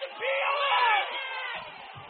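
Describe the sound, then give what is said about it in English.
A large home stadium crowd at a football game roars in a loud, sustained swell of shouting and cheering as a penalty flag comes in on a deep pass, peaking early then easing slightly while staying dense and continuous for a couple of seconds. “Home crowd wants the pass interference.”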